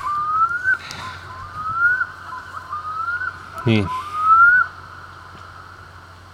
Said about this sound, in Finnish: Kuikka aloittaa taas.